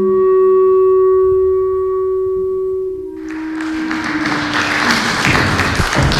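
A held musical note rings out, then an audience breaks into loud, dense applause that continues steadily for about three seconds with no voices over it.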